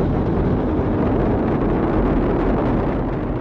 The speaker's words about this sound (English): 3, 2, 1, boosters in ignition. And liftoff of Artemis 1. We rise together back to the moon and beyond. Engines on the core stage and two solid rocket boosters now propelling the vehicle at 128 miles per hour.